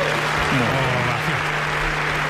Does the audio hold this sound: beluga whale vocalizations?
no